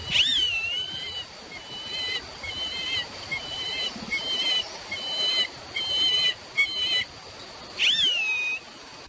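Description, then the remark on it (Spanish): Thin, rising-and-falling whistled calls of a bird in flight repeat several times at a steady pace, sounding distant over a soft, continuous background hiss of wind or ambience. No one speaks. “Así como una especie como de silbidito, como sí.”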